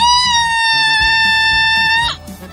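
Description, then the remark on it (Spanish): A loud, high-pitched shout held steady for about two seconds before cutting off abruptly, with faint low background noise underneath. “Plántele un grito, carra, ahí.”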